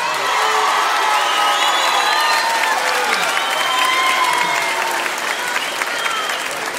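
A crowd applauds loudly and steadily for several seconds, with cheers, shouts and high whistles rising over the dense clapping.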